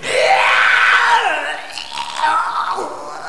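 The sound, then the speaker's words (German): Loud, harsh retching and gagging vocalizations, apparently made by a voice imitating vomiting into a stairwell: one long strained heave that trails off, then a second rougher, shorter burst. “und ich kotze jetzt erstmal ins Treppenhaus.”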